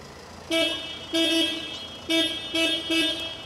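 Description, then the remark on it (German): A car horn honks five times in quick, uneven bursts, loud, with a steady low rumble of traffic or an idling engine underneath, sounded during a dog's training test for staying calm around cars, horns and loud noises. “Dass sie so in Alltagssituationen keine Probleme hat mit lauten Geräuschen, mit Autos, mit Hupen, das habe ich ja so schon im täglichen”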